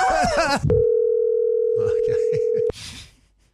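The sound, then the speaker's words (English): A steady, low-pitched ringing tone of an outgoing phone call to a work colleague sounds once for about two seconds, then cuts off abruptly. A voice talks just before it, and faint speech murmurs underneath. “I rang a colleague from work,”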